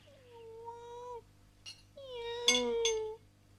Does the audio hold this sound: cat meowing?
yes